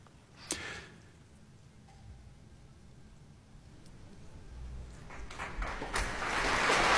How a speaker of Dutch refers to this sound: Het applaus is voor de dirigent Ryan Bancroft.